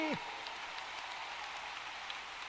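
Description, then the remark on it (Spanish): A crowd applauds steadily for the King of Kings and Lord of Lords during a sermon, a dense, even wash of clapping that holds at the same level for a few seconds, following a brief trailing voice at the very start. “¿Cuánto le dan un aplauso a ese Rey?”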